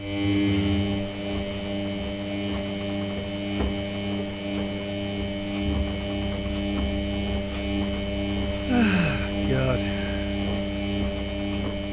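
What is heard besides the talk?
washing machine running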